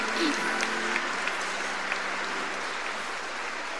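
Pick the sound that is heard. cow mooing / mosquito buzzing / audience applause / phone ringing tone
audience applause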